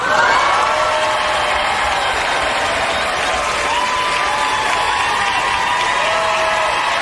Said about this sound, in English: The applause goes on and on. Rightly so.